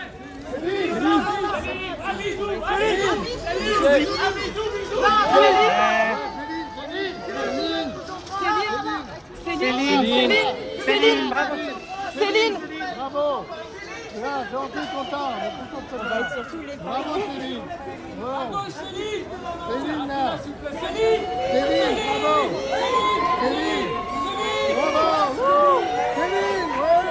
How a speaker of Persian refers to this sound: هواداران این ستاره موسیقی برای استقبال از او در پایتخت فرانسه گرد هم آمدند.